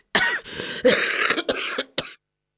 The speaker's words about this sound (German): Ja, das ist mein Husten.